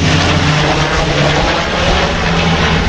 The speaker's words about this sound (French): Vu que la direction du vent vient par ici, voilà le Canadair.